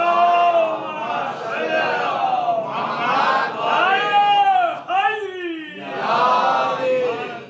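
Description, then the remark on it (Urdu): A large crowd chants the religious slogan Naara-e-Haidari in unison, loud, with several drawn-out shouted calls that rise and fall in waves over a steady roar of voices. “اس نعرے حیدری کا مطلب یہ ہے کہ آج کی رات ابھی جو باتیں آئے گی, آج سے میں استغفار کر لوں گا کہ میں نے اپنی زندگی میں سچائی کو کتنا پایا ہے, میں کتنا سچا ہوں, فقط سچ بولنے میں نہیں.”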